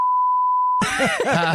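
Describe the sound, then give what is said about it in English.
A steady, loud single-pitched censor beep covering a swear word during a radio phone call holds for under a second, then cuts abruptly into an animated voice speaking with harmonic, expressive intonation. “Lucky the beep machine was working.”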